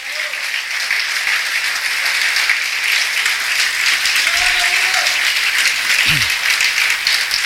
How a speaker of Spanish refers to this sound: Dale un aplauso al Creador.